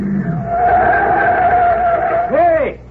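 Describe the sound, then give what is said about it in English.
A car's engine roars as it drives out onto a field, then tires squeal in a sustained skid before it screeches to a halt; a brief low rumble starts it off. “Hey, what's the car doing? He's coming right out on the field.”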